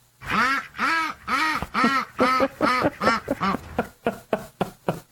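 A duck quacks loudly in a steady series of nasal honks. The calls get shorter and quicker toward the end, with no voices.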